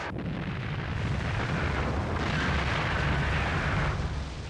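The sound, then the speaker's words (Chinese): A massive rock-blasting explosion by the Railway Corps, on a blasting face over 600 meters wide, moving more than 180,000 cubic meters of earth and rock into Gongzi Bay, rolls out as a loud, continuous roar with heavy low rumble, holding steady for several seconds without fading, and no voices are heard. “大爆破，就一下把那个车打拉钩，啊，咚咚咚。”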